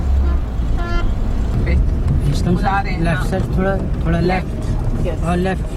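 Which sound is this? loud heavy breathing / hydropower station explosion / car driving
car driving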